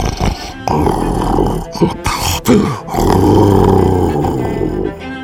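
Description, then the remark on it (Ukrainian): Loud, rough snoring that rumbles and growls in long drawn-out breaths, swelling and dipping with short pauses between, with a harsh, throaty rasp throughout. “Шпигунське хропіння грізно гуло, здіймалося вгору, спадало вниз, переходило в мурмотіння.”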